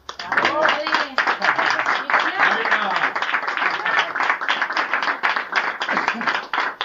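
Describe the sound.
An audience applauds steadily for about seven seconds, a dense, even wash of many hands clapping, with a few voices faintly audible beneath it, as a recognition is presented at the first Memorial de la Sevillana Cofrade.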